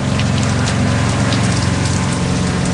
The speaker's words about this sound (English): We're getting plenty of rain today, pouring rain. Since it's coming from the east, I have to close my east-facing cabin door. So between the pitching of the boat and the pouring rain, there's not much to do except stay here inside my cabin.